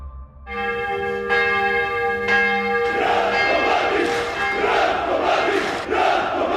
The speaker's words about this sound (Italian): Una folla si è radunata a Belgrado per i funerali di Ratko Mladic, generale delle truppe serbe di Bosnia durante la guerra nella ex Jugoslavia, condannato dalla giustizia internazionale per genocidio.